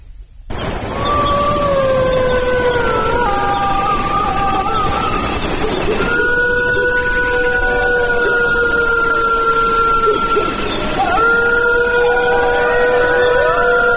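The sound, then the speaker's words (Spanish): A wolf pack howls in chorus, several long, wavering tones overlapping and sliding in pitch, some high and some lower, sustained loudly for the whole stretch with no talking. “Ha sido un placer tenerte, te lo están diciendo una manada de lobos.”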